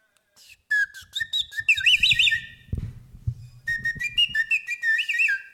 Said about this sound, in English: It's a bird whistle. That's how birds talk. You love them, I love them too. You know that whistle that you put water in and play the birds? I have one. I got it from the Ukraine people of Ukraine. You put water in it and it talks like birds like this